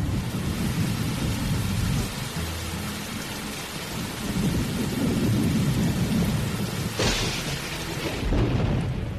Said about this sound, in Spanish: ¡Vamos a refugiarnos! ¡Ya llegó la gran tormenta!